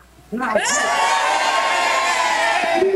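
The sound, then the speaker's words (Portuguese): After a brief quiet moment, a crowd of Colégio São José schoolchildren erupts into loud, sustained cheering for Brazil's sixth World Cup title (the Hexa), high-pitched shouting and many voices blending into one continuous roar until the end. “Agora, gente, eu quero ver a torcida do Colégio São José para o Hexa.”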